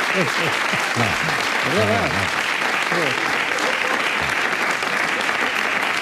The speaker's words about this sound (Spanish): Y ustedes no deberían aplaudir algo así.